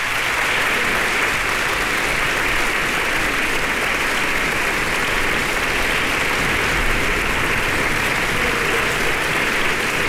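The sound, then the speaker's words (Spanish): Sustained applause from a concert audience, joined by fellow musicians, in the concert hall of the Centro Cultural Tlacná after Carl Philipp Stamitz's viola concerto in D minor with soloist Andrei Katsarava; a dense steady wash of many hands clapping at an even loudness for the full length, with no voices breaking through. “Compañeros también se unen a los aplausos del público reunido el día de hoy en la sala de conciertos del Centro Cultural Tlacná.”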